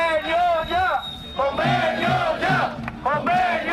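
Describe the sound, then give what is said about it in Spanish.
Workers of the company Persan on a 24-hour strike shout a chant in unison at the doors of the company's headquarters in the capital, loud, strained voices rising and falling through repeated phrases with brief pauses between them, the rhythm steady and insistent throughout. “Este grito se repitió ya a las puertas de la sede de la empresa Persan en la capital.”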